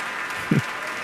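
Steady, dense clapping from seated orchestra members applauding pianist Evren Ozel, back on stage for another bow after playing Mozart's Piano Concerto No. 27; a continuous crackling wash with one short low thump partway through and no voices.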